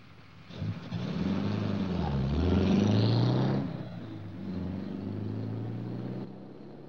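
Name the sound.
car engine running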